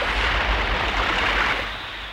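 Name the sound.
storm at sea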